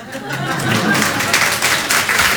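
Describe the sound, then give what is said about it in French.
A crowd claps steadily for a couple of seconds, a dense, hissing wash of many hands at an even, fairly loud level, with a faint murmur of voices underneath. “Y a pas d'applaudissements.”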